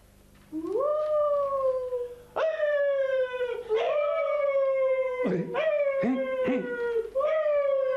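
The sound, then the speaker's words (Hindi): A dog howls in a series of long, rising-and-falling wails that run back to back for several seconds, loud, with a few choppy breaks and yelps between the drawn-out calls. “क्या तुमने कुछ सुना मियां? ये क्या बोल रहे हैं? क्या आप इसी से वो कुत्ते लाए थे?”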